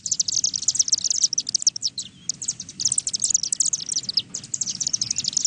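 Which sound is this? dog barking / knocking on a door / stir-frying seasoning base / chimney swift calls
chimney swift calls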